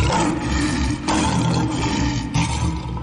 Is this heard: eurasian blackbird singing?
no